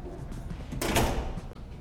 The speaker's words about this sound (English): Send her in. A door opens in the medical room below, and a young woman with braided blonde hair enters.